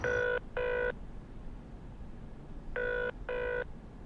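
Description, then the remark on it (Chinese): A telephone rings on a long-distance call in two double-burst cycles, a pair of short electronic trills, a pause of about two seconds, then another pair, heard over a steady low background hum. “我想打个电话。打吧。长途。”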